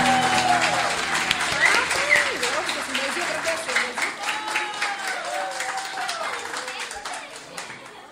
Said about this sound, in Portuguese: Palmas para nossa juventude, terra boa.